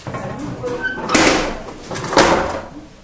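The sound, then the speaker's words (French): Two heavy furnace doors of a furnace column slide shut one after the other, each a harsh, scraping metallic rush about a second apart, over a low background hum, after the column has been lowered. “Je vais pouvoir fermer mes portes.”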